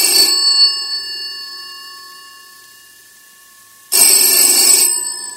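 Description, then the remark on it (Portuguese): A telephone rings twice for an incoming call to a radio station, each bright metallic ring burst lasting under a second with a long decaying tail between them, loud with no voices. “já alguém que está a ligar também a querer dar uma força, uma chequena, é assim, a sério.”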